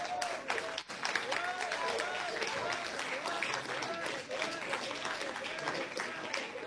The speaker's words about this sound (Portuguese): Se assente com as palmas de vitória.